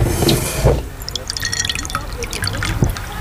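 Water pours into a glass, a short rushing splash at first, then bright trickling and scattered dripping plinks as the glass fills.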